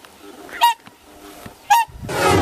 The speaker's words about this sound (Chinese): 就在考察队员准备返回时，忽然听到了急促的叫声。原来是大天鹅夫妻意识到幼鸟出现了危险，急切地赶了回来。